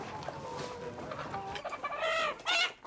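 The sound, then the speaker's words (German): Chickens cluck and squawk in a busy, continuous chorus at a livestock and general market in Waldbröl, Germany, where chickens are sold, with sharper, louder calls bursting out near the end over a constant hum of market background noise. “Der Verkauf von Hühnern ist hier Tradition, geprüft vom Veterinäramt.”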